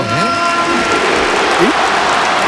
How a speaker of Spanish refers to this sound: Aplauso del estadio para Antoine. Ovación.